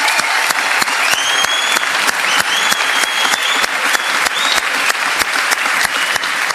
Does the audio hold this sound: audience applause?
yes